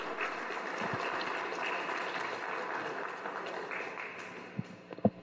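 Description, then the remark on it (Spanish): An audience at an event for the 500th anniversary of the founding of Acámbaro claps for an introduced guest in a dense, even wash of applause that holds level for several seconds, then thins out, ending with a few scattered, sharper claps. “Un aplauso, por favor.”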